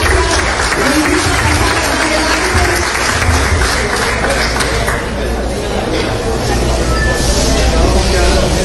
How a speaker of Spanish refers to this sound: un aplauso por favor.